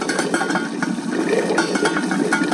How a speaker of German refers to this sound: Jetzt kocht mein Wasser hier im Topf und ich zeig's euch nochmal.